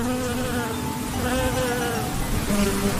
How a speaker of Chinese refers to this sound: 是蜜蜂，是蜜蜂飞舞的声音。